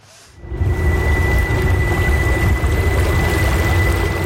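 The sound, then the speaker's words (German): Water washes and splashes steadily against the bow of a small electric boat gliding through the Lucerne lake basin, in a dense, continuous rush, with the faint, thin whine of its electric drive running underneath. No one speaks. “Nur ein leisliches Surren hört man, das fast untergeht im Geräusch der Wellen, die gegen den Bug schlägt.”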